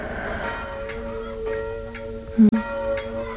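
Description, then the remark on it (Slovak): Church bells ring noon in a steady rhythm, struck about twice a second, their humming tones lingering and overlapping, with one sharper, louder clang partway through and no voices. “Zvonia poludnie.”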